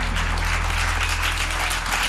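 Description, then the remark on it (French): A crowd applauds steadily for the performer's accompanying guitarist and double bass player, many hands clapping into a dense, even wash of sound that holds at the same loud level throughout, with a low hum underneath and no voices. “Bah du coup, on peut faire une double ration d'applaudissements pour mes compagnons de route.”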